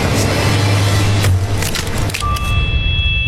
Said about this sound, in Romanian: am spart ușa prea târziu.